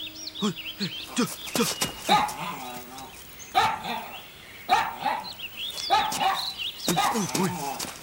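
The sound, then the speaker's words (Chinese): A dog barks repeatedly, sharp loud barks coming in bursts at uneven intervals, with some whining or voice-like sounds mixed in between. “嫂子，你不怕狗啊？”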